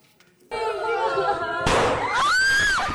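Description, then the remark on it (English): Gunshots at a primary school in the central Philippines in June: a sudden loud bang sets off frantic screaming and shouting from children, then a second sharp shot cuts in and high, panicked shrieks rise over the chaotic din. “A loud bang. And another. This video shows panicked children in a primary school in the central Philippines in June.”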